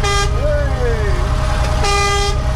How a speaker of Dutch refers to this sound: Al die kindertjes die staan aan de horens te trekken. Zie je dat? Ja. Heel mooi, hè? Ja. Ze weten niet eens wat het betekent. Ja, toeteren, maar dat het touwtje betekent.